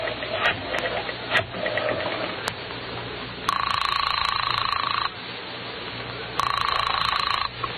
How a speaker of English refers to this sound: And now our hero staggers to his feet and heads for the phone. Then, with none too certain fingers, he dials the police.